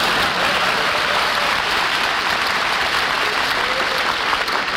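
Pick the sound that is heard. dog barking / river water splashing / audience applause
audience applause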